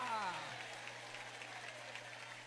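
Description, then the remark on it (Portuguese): An audience claps together, applauding the name of God, in a steady, dense wash of applause, with a brief voice sliding downward at the start and a low steady hum underneath. “Quem crê que Deus existe, levante a mão e aplaude o nome dEle.”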